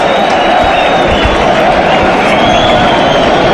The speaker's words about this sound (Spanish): Hay división de opiniones. División de opiniones, vale. Hay personas que aplauden. Hay personas que pican. Bueno, esto es el toreo. Fuera, fuera, parte del público grita fuera, fuera.